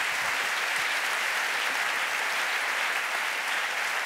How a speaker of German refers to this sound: Applaus für eure kreativen Antworten, das habt ihr ganz, ganz prima gemacht.